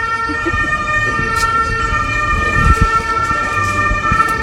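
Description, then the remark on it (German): An ambulance siren blares loudly and continuously as the ambulance is let through at the Bundesplatz during a live broadcast, its high, steady tones ringing throughout, with a low rumble of vehicle engines and traffic underneath. “Moment, ich glaube, wir lassen da den Ambulanz durchfahren.”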